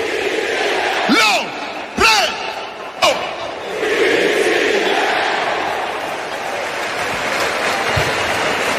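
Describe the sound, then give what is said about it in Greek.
A Napoli stadium announcer bellows the name of captain Lorenzo Insigne through an echoing PA three times in quick succession as a farewell, with a large crowd roaring and chanting back under a constant wash of stadium noise. “Αν και αυτός που ακούγεται ο εκφωνητής της Νάπολη είναι ένας Κλασικός για όσους παρακολουθούν τα παιχνίδια της”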